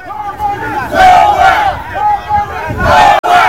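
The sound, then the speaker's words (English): A crowd of protesters gathered outside the Parliament building shouts and chants together in loud, overlapping waves of voices, rising and falling across a few seconds with a brief break near the end. “Yesterday, frustrations have mounted with protesters gathering outside of the Parliament building, demanding to meet with Prime Minister Gaston Browne to rectify the matter at the highest level.”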